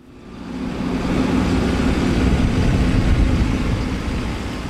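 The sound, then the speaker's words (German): A yellow tractor's engine rumbles steadily as it rolls over muddy ground, a deep, continuous drone that swells in over the first second and then holds, with no voices. A star-shaped concrete tank barrier hangs on a chain from its front loader, in the Polish border area near Kaliningrad. “Ein gelber Traktor rollt über schlammiges Gelände.”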